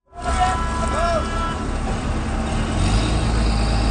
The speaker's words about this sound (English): 128 lobster fishing boats in the Gaspé region revved up their engines to start the season this morning.